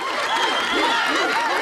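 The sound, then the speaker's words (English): Dense, steady crowd applause with cheering voices mixed in, a continuous wash of clapping and shouting that stays loud and even throughout; rapturous applause for Bart on a stage whose set, resembling old New York, has just collapsed. “Bart stares wide-eyed at the rapturous applause.”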